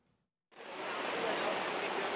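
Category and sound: nature, heavy rain downpour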